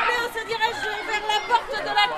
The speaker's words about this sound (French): Difficile de canaliser les enfants qui jouent dans leur nouvelle cour végétalisée.